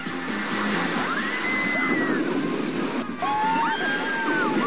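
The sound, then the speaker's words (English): The Crushin' Gusher water roller coaster at Typhoon Lagoon splashes down into a pool, with steady rushing, sloshing water filling the scene and faint high-pitched cries rising over it. “We have splashdown.”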